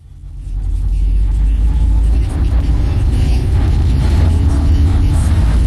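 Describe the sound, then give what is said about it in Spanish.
Steady low engine rumble fills the interior of a moving car, a constant loud drone with faint road noise, building in over the first second and then holding even, with no one speaking. “Aprovecho que estoy en el auto para recomendarles esta nueva radio de rock de la ciudad.”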